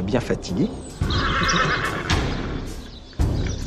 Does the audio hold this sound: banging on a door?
no